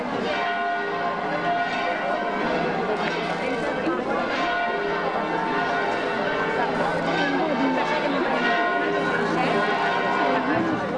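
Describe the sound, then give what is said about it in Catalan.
Church bells peal continuously in Pego for a procession carrying the image from the church of the Assumption to its chapel, a dense, overlapping clangor, steady and loud throughout, with a faint murmur of crowd chatter and occasional hoof-like clops beneath. “per a traslladar la imatge des de l'església de l'Assumpció a la seva capella, on descansarà i vetlarà pel poble el que resta d'any, i ho farà amb l'alegria amb què sonen les campanes quan tixen de la capella o inicia una processó com la de dimecres.”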